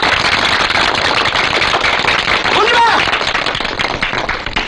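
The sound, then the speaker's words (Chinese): A group claps together in a steady, dense burst of applause that holds at full strength throughout, with a voice briefly rising above the clapping midway. “我提议大家鼓掌，在这给你鼓掌。”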